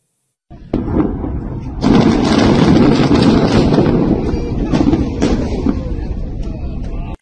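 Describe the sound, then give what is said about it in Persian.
A massive explosion as the Israeli army destroys a Hezbollah underground tunnel network on the Ali al-Taher ridge in southern Lebanon, reportedly causing a magnitude 4.1 tremor: a low thud swelling into a loud, deep roaring rumble that keeps churning and slowly fades for several seconds, with no voices. “این انفجار عظیم پایان عملیاتی چند ماهه در یکی از مهمترین ارتفاعات جنوب لبنان بود.”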